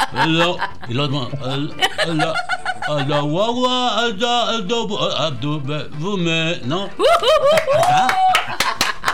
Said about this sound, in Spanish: ¡Aplausos!